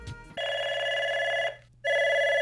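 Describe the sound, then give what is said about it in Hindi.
A telephone rings twice in a steady electronic trill for the first caller on a Braj Radio phone-in request show, each ring about a second long with a short gap between, clear with no talking. “तो लेते हैं हम अपने पहले कॉलर को।”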